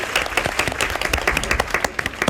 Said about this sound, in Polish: Brawa, tak. Zasłużone brawa.